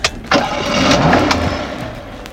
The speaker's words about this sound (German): Feine Musik, oder? Was für Musik? Das zufriedene Tönchen vom Motor. Aha, das. Ich höre kaum etwas. Eben. Das ist Musik für meine Ohren.